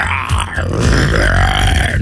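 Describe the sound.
A person imitates a lion's roar as a cue on a Tampa Bay radio show, with a loud, deep, growling vocal sound that swells and holds for about two seconds, rough and gravelly throughout.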